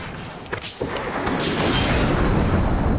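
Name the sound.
ship explosion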